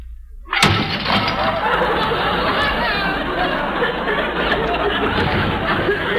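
After a brief quiet moment, dishes (plates, soup bowls, cups and saucers) are dropped and crash down with a sudden loud smash, followed by several seconds of continuous clattering and shattering crockery. Voices murmur faintly underneath.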